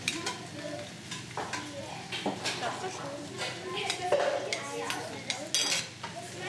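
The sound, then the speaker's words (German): A spoon clinks and scrapes against a metal cooking pot as a little food is scooped out to taste and season it, with soft stirring and scooping sounds and a faint sizzle underneath, fairly quiet. “Man nimmt sich mit einem Löffel ein bisschen was raus, gibt auch seinen eigenen Löffel.”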